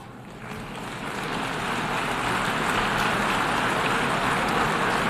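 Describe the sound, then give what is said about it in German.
Subdued applause at the UN General Assembly in New York for Germany, which received only 104 votes in an election for a UN Security Council seat: a dense, steady patter of many hands clapping that swells slightly after the first second, then holds at a modest, even level with no voices. “Verhaltener Applaus für Deutschland, bloß 104 Stimmen.”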